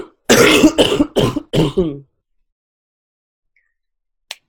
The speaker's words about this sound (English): Excuse me, I just have to cough again.